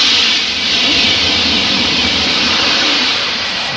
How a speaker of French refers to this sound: Un train, un TGV. Exactement.